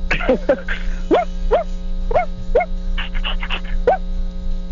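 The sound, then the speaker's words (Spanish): A person imitating their own small dog's bark with a series of short, high, yippy yelps, about eight in quick irregular succession, clear over a steady low background hum. “A ver, vuelve a ladrar como Paco, pero sí ladra como Mickey Mouse”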